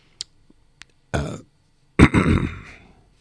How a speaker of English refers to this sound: gosh, my coughing is getting at me.